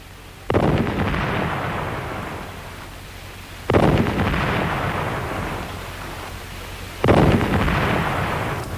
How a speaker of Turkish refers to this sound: Gökte top sesleri bir bir nerelerden geliyor? Mutlaka her biri bir başka zaferden geliyor.